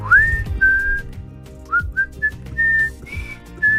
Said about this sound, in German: So, ich versuche jetzt mal zu pfeifen.